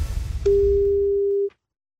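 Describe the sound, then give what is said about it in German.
A single telephone ringing tone sounds on the line as the Bayern 1 radio station phones a listener, a steady, pure one-second beep that starts and stops with soft clicks, following a low murmur of line noise and then silence. “dann haben Sie jetzt Ihre Chance, weil jetzt klingelt's Telefon und dann sollten Sie singen.”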